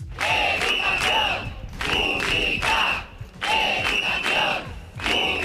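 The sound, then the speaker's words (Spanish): A large crowd of teachers and students chants in unison at a teachers' protest gathering in Alcalá de Henares, loud rhythmic shouted phrases repeating in bursts of about a second and a half with brief gaps between them. “En Alcalá de Henares podemos ofrecerle ya el que ha sido el sonido, lo que nos ha dejado esa concentración, la reivindicación de los profesores.”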